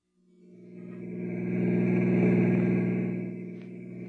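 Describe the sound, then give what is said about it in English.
A car engine rumbles steadily as the vehicle drives, its low hum swelling louder over a few seconds and then easing slightly, with no voices. “Get the car.”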